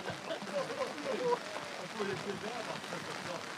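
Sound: rain falling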